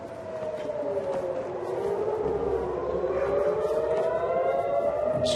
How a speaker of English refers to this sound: I heard the booms from afar. And I woke my family. I said, there's something going on. And then the sirens came.